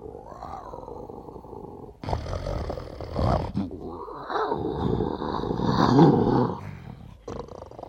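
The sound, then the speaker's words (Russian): A lion roars and growls, several loud, rumbling bursts with brief breaks between them, heard alone with no talking. “А что же, например, вот сейчас этот лев говорит?”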